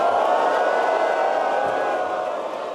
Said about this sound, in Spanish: ¡Un abucheo para Trump y para Milei!